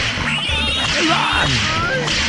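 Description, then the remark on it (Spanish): Several sharp whip cracks from a double whip-crack sound effect snap out in quick succession, loud, over a dense, busy background with a faint murmur of voices. “Y unos latigazos, por favor, que le mandemos unos latigazos para allá para ellos.”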